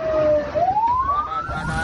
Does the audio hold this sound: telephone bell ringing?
no